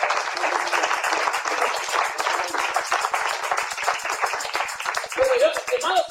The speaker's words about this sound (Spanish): Gloria a Dios por eso. Sí, aplauso, Señor.